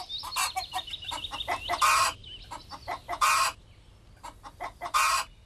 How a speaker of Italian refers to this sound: La gallina, vedi, te lo dicevo, la mandano apposta per innervosirci.